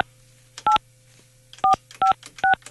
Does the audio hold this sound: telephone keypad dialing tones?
yes